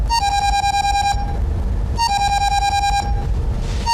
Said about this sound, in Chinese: 这同事跟你想一起去了，电话来了，那我先接一下了啊。